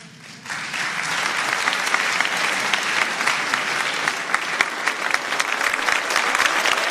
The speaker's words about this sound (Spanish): El aplauso de los reclusos y voluntarios